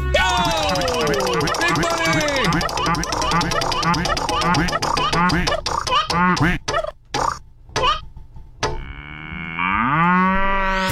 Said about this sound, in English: We're going to spin the wheel right now, whatever it lands on. The 40th texter is winning today. You ready? Yes. Here we go. Spin that wheel in 3, 2, 1.